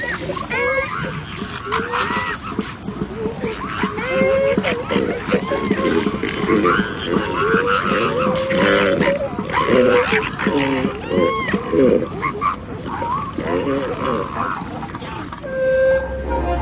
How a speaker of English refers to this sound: The flatulent sound is coming from the elephant seal's nose as he clears it of sand.